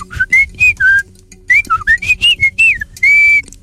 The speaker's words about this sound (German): Ein Amsel. Es ist einfach geraten. Ja, sicher. Es stimmt.